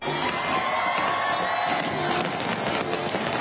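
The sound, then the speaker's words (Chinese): Fireworks crackle and pop over Victoria Harbour in Hong Kong at the 8 pm National Day fireworks show, over 30,000 fireworks, against a steady roar of a large cheering crowd of residents and tourists, the bursts growing sharper and more frequent toward the end, with no clear speech. “国庆烟花汇演晚上八点举行，超过30,000枚烟花在维港上空绽放，大批市民和旅客企满星光大道和文化中心外的空地观赏。”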